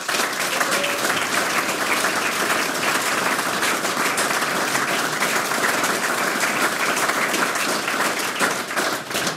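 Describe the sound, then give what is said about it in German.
A crowd applauds the broadcast's production team steadily for the whole stretch, a dense, even wash of many hands clapping at constant loudness without pause or swell, with no voices standing out. “Auch für unser Zoom-Team bitte einen großen Applaus.”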